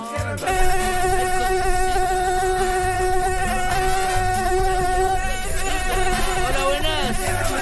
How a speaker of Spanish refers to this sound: El famoso, el que de acá en Arica lo buscamos, cielo, mar y tierra. El Aedes aegypti. Ese que transporta el Zika.